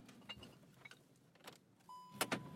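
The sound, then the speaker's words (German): Car sounds: scattered clicks and soft thumps, then a steady electronic chime tone begins, joined by a couple of louder rushing bursts like a window or door moving. No one speaks. “Ich warte im Auto auf dich.”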